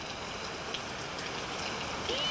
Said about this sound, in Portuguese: Não é bom ouvir o barulhinho da chuva, né? Até hoje, eu vou deixar porque tem gente que dorme daí.